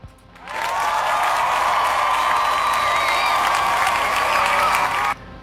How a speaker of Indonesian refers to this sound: Ada 75% suara, ya wes kita kasih tepuk tangan ya.